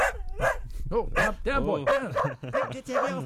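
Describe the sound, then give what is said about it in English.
A dog barks and yips in quick succession, loud, with roughly eight sharp bursts tumbling one after another over a few seconds. “Who let a dog in the studio,”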